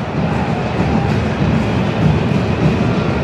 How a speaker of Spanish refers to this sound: Ojito, porque me escuché un rayo, un trueno, perdón.